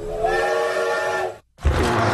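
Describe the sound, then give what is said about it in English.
A loud, steady train whistle of the Catskill Mountain Railroad's Dinosaur Express blows a sustained multi-tone chord for over a second, cuts off briefly, then gives way to a rush of broad rumbling noise. “Grab your explorer's hat and take the train ride back in time to the Jurassic period and discover the magic of dinosaurs.”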